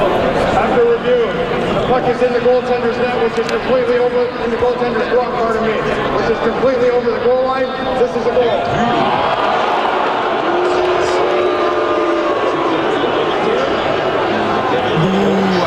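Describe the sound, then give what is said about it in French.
A large crowd outside the Centre Bell on Tuesday keeps up a steady, loud roar of overlapping voices and shouts, with sustained tones rising and falling through the noise as everyone waits for the referees' review of whether a goal was scored on a Sabres shot. “Donc là, la foule est en attente de la décision des arbitres qui décident de revoir s'il y a but ou pas sur un lancer des sabres.”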